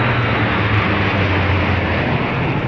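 A loud, steady roar of fighter jets passing overhead above the capital during a ceremony in honour of Tsar Samuil, a dense rushing wall of engine noise with a low rumble underneath, continuous throughout with no voices.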